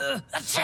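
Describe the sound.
A single theatrical sneeze caused by dust while sweeping and moving boxes: a voiced, falling "ah" wind-up, a brief catch, then a sharp breathy burst that trails off in a hiss.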